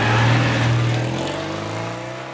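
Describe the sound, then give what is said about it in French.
A Citroën 2CV's small two-cylinder engine revs loudly, its buzzy drone holding steady and then easing slightly lower in pitch, with no voices over it. “Et voilà pour l'histoire de cette deux chevaux qui a traversé les générations.”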